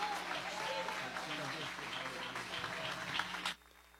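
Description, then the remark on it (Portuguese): An audience applauds together for Jesus, a dense wash of clapping from a crowd with voices mixed in, steady for several seconds before cutting off abruptly into quiet. “Tendo palmas para Jesus, palmas e glória a Deus.”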